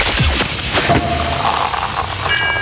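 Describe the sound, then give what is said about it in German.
A sparkling wine cork pops with a short, punchy burst near the start, followed by a steady hiss of fizzing foam that carries on to the end. “immer, wenn ihr die Sektkorken knallen hört, so, pass auf, das klingt dann so.”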